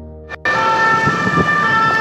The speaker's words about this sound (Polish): a teraz także głos głośnej syreny Państwo mogli usłyszeć